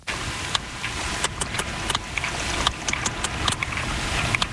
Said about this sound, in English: It's got a bit of a beat to it, hasn't it? Well, that click is the sound of a sperm whale recorded off the coast of Ibiza.